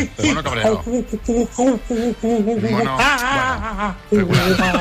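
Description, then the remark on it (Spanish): A person, a listener sending in animal imitations, imitates an angry monkey, letting out a quick run of repeated hooting calls that rise into wavering, excited shrieks, loud and alone. “Mono cabreado.”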